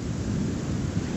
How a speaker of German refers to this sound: weil man hört das Autogeräusch